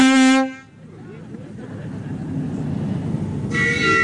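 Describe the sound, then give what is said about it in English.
The whistle of a replica 1890s Gentleman's Pleasure steam launch in a boat parade gives a loud, steady, reedy blast, then a second shorter blast follows after a few seconds of low rumbling and murmuring background noise. “That's a good whistle.”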